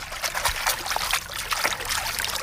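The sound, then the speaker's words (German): Real water at a swimming pool trickles and splashes steadily, a continuous bubbling flow with small irregular spurts and drips, no voices present. “Das ist echtes Wasser, kann ich versichern.”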